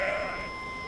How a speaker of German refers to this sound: Die sind hier jeden Tag, fressen Gras. Wenn sie die Sirene hören, wissen die genau, wer kommt. Und machen Platz. Die wollen nicht totgefahren werden.